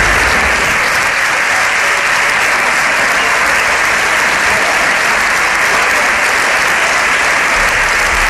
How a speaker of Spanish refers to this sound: toda la bancada del PSOE ovacionando al presidente del gobierno. Vamos a escuchar ese momento porque ha sido bastante interesante ver cómo la bancada del PSOE se levantaba para aplaudir a Pedro Sánchez.